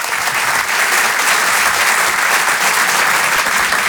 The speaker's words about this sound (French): Je vous demande de l'encourager et de l'applaudir très chaleureusement s'il vous plaît.